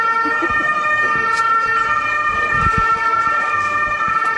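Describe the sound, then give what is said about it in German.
An ambulance siren blares loudly and continuously as the ambulance drives through at the Bundesplatz, its steady high-pitched tones holding throughout, with a low rumble of road traffic beneath it. “Moment gerade, ich glaube, wir lassen da den Ambulanz durchfahren.”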